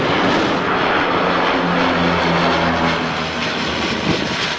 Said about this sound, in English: Astonished residents watched iconic Canadair firefighting planes, typically associated with fighting southern fires, working for the first time in the Paris region.